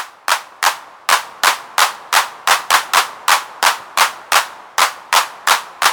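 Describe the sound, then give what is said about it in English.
An 808 drum machine hand clap, generated electronically with analog synthesis from carefully timed bursts of filtered white noise, repeats in a steady, quick rhythm, each crisp snap decaying fast. It is loud, with no talking. “Take the hand clap. It isn't a recording of real hands at all, but a series of carefully timed bursts of filtered white noise designed to recreate the feel of a crowd clapping together.”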